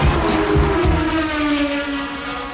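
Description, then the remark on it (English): Race car engines roar loudly and continuously, with a few sharp revving bursts at first, then a sustained droning whine that shifts slightly in pitch as they pull away. “Start your engine.”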